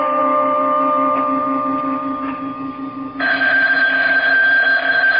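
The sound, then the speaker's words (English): A telephone rings loudly at 3:30 in the morning, a steady buzzing electronic tone that shifts to a higher, brighter pitch partway through, with no voices. “The phone, it's ringing.”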